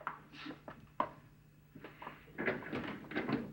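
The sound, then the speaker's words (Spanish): A door is opened for a visitor, with a sharp click at the latch followed by rattling and creaking as it swings open, a few knocks and scrapes spread over a few seconds. “Me voy a esconder mientras tú abres la puerta.”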